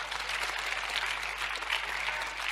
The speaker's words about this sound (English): Anybody clapping?